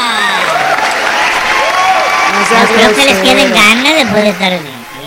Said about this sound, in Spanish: Pues en este momento, fuerte el aplauso para todas las personas que nos están escuchando por primera vez.